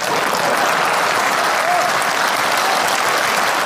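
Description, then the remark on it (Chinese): Sustained applause from a large audience fills the whole stretch, a dense, steady wash of clapping at even loudness with no voices standing out. “这鼓掌的都是我这样的人。”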